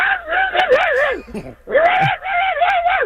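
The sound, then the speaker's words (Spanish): A caller's own dog, put on the phone during a radio call-in, comes through the phone line with two long, wavering, high-pitched howling yelps separated by a short pause, loud and fairly thin, with no talking over it. “Debe poner el perro mío, toma.”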